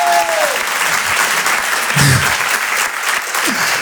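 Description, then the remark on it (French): An audience claps together in a dense, steady wash of applause that holds at full loudness throughout, with a few faint voices and brief tonal sounds poking through the noise. “Quand ça applaudit, allez tous ensemble, on est une famille ce soir, ok?”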